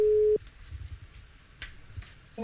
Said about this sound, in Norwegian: Da skal det ringe hjemme hos Einar dere. Følg med på telefonen.